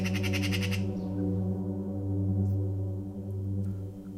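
A magpie, flying into a neighbour's juniper tree, gives a short, harsh rattling squawk of rapid repeated notes lasting under a second, then falls silent while a steady low mechanical hum continues underneath.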